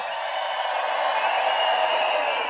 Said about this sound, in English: You guys truly are one of the craziest crowds in the whole wide world. Make some noise for yourselves.